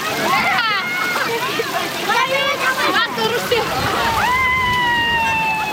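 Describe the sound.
Young men and elders wade and splash through the deeper parts of a spring during a celebration, searching through weeds and mud, with continuous sloshing while many voices shout and chatter loudly over the top throughout.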